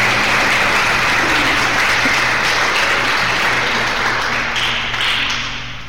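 An audience applauding for Jesus, a dense, steady wash of many hands clapping that holds loud throughout and tapers slightly at the end, with no talking over it.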